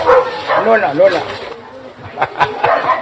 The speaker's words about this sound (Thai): มันหมาอันนี้มันไม่ใช่หมาในเมืองนอกเมืองเนี่ยมันหมาในวัดเพราะฉะนั้นมันถึงเห่า